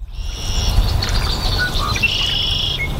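Birds chirp and trill continuously, with sustained high-pitched calls and scattered short tweets over a low, steady background rumble, an outdoor chorus at the bird sanctuary of the Ornithology Center at Eagle Creek Park in Northwest Indianapolis.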